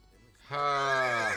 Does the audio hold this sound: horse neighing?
yes